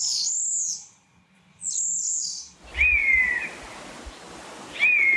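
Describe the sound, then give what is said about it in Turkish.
A common starling sings a series of clear, drawn-out whistles: two high notes, then two lower slurred ones, over a steady rushing background noise. Recorded in Portugal by Jorge Leitao. No one speaks. “Bu programda dinlediğiniz kuş seslerinden sığırcı Jorge Leitao Portekiz'de ve Enes Kasapoğlu Konya'da.”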